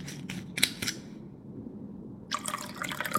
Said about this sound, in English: Let me top up your glass.